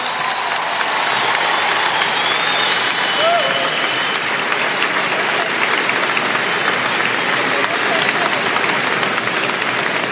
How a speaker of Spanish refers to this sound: Si va a dar ese aplauso, a dárselo bien fuerte a él.